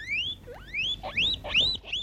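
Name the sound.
guinea pig squeaking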